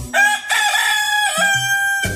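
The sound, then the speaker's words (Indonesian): A rooster crows once, a loud, drawn-out cock-a-doodle-doo with a bright, strained tone that holds for about two seconds before breaking off. “Mereka suka mengeluarkan suara seperti trompet dan berkokok seperti ayam jantan.”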